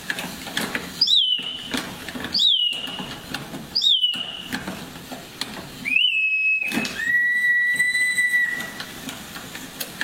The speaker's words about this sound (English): the beak to flutter, and then inside there's a little bellow, and it causes air to pass through that bellow, which causes a whistle to sound off, which makes the bird sound like it sings. In fact, we've got a sound of it.